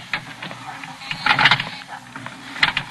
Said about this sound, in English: And the motor clicked and the door strained, but stayed open. The elevator didn't go anywhere.